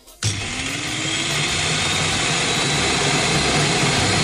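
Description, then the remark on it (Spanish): An electric food chopper, bought that morning, switches on abruptly and runs loudly and steadily, a dense roaring whir with a faint whine rising in pitch as the motor spins up, chopping food ingredients. “Que parece que la picadora que he comprado esta mañana es un Boeing 747.”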